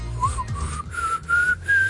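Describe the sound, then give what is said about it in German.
A person whistles a simple tune, the notes sliding and stepping upward across a few short phrases, with a faint low hum underneath and no talking. “Bist du in der Lage, Melodien zu pfeifen, sodass es schön klingt?”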